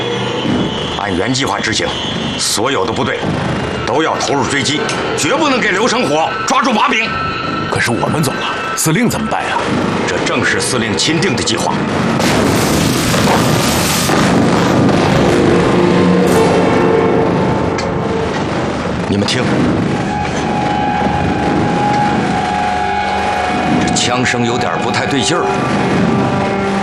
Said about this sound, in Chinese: 你们听，这枪声有点不太对劲儿。 这是凌俊峰方向传来的，好激烈的枪声。